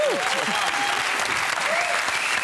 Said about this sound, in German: Sollen wir nochmal klatschen? Ja.